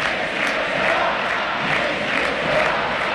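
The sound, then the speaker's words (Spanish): A large stadium crowd at a match between Argentina and Benin chants "Messi no se va" in unison, a dense, steady roar of many voices with rhythmic swells rising and falling across the whole stretch, loud and continuous without pause. “Messi no se va, grita la gente.”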